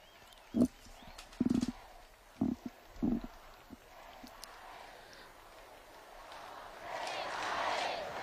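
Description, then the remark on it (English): A crowd of young people in Spain cheering for Pope Leo as Cardinal Cobo speaks: a few loud, separate shouts early on, then a broad, hissing roar of cheers that swells steadily toward the end. “We hear the cheers in the background there.”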